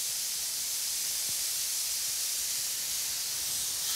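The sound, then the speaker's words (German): A steady, hissing spray of water from a hose as a zookeeper showers a black rhinoceros, a dense bright rush of noise at even loudness throughout, with no voices. “Das Spitzmaul-Nashorn genießt offenbar den massierenden Wasserstrahl.”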